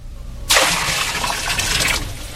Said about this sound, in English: Around the altar, you will notice a trench. On the altar is the bullock and pieces of wood. I have had water brought forth in barrels, which shall now be poured over the bullock and the wood.